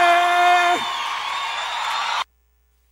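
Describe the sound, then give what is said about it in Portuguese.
A crowd shouts and whoops loudly for about two seconds, one voice holding a long high cry at first, before the noise cuts off abruptly into silence. “gostou, dá um grito aí!”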